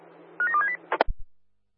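A quick run of electronic keypad tones, about five short beeps in rapid succession as a phone number is dialed, followed by a couple of dull clunks, with a low hum underneath.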